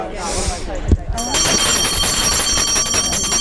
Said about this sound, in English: It's a bell.